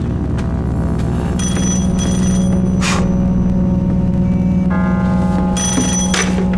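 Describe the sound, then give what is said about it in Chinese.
A telephone rings loudly in repeated bell-like bursts, bright and metallic, over a steady low hum, with no one talking. “接完电话再说吧。”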